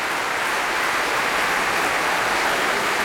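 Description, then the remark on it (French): Dense, steady applause from the audience of the Festival Radio France Occitanie Montpellier for baritone Stéphane Degout after he sang three Schubert lieder, a continuous hiss-like wash of many hands clapping at an even level with no voices. “Pour lequel il est fortement applaudi ici par le public du Festival Radio France Occitanie Montpellier.”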